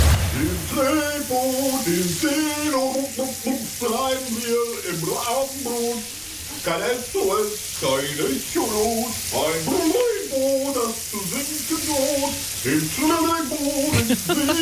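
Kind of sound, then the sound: household object, shower water running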